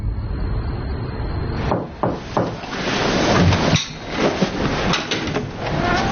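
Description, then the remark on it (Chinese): Someone knocks on a door with a glass window in a few sharp, uneven raps, some louder than others, over a steady hiss of background noise. No one speaks. “喂，干嘛我一敲门你就关灯啊？”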